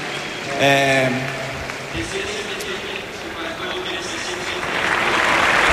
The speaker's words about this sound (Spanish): Sí, no sé si un poco emocionado, esperando a que termine de aplaudir, de romper la gente a aplaudir, sí, sí.